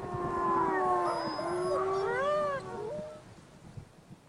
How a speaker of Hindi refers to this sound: भेड़ियों की आवाजें निकट आ रही हैं, शीघ्रता करें राजन।